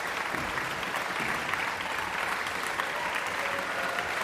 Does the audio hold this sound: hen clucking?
no